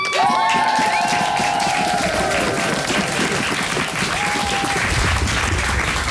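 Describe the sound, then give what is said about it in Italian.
Dense, sustained audience applause fills the whole stretch, with crowd cheering and a few high whistles or shouts rising above the steady clapping. “Ammazza che applausi!”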